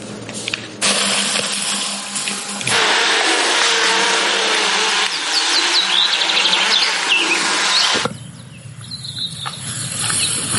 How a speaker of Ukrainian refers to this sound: В небі – навчальні дрони, які імітують атаку.